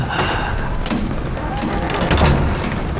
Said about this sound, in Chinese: 关门打烊了。